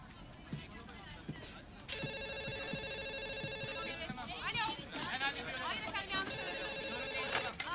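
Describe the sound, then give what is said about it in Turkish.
A telephone rings twice in bright, buzzing bursts, about two seconds each, over background voices murmuring and faint clatter. “Telefonuna bak Eric.”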